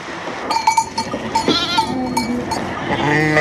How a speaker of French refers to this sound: Alors, c'est des brebis Rava qui viennent du Puy de Dôme. C'est des brebis à viande.